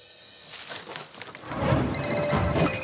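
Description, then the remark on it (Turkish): A phone rings with a steady electronic tone over rustling background noise, a call from an Alaska number. The ring starts partway through and carries on at moderate volume, with no one talking. “Dur biraz, telefonum çalıyor.”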